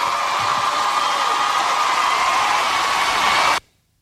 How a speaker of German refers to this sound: Und dafür auch wieder schön, um den Soundeffekt wieder reinzubringen, einen Applaus.